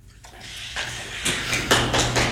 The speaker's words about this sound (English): You hear the clapping in the room. Again, that's generally discouraged in municipal proceedings, as we know.